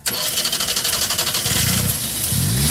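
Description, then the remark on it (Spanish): The engine of a non-electric car turns over and catches, then revs up in rising surges as the accelerator is pressed hard, its pitch climbing sharply near the end. The sound is loud, with no voices. “Este magnífico coche, permítame que te diga, que suena exactamente así.”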